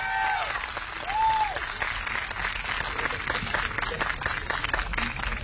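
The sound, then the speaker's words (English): An audience at a live music performance applauds saxophonists Trevor Galvin and Kiel Barandondo, a dense wash of many hands clapping at a fairly loud, even level throughout, with a brief whistle near the start. “Let's give another round of applause to Trevor Galvin, Kiel Barandondo up here on saxophones.”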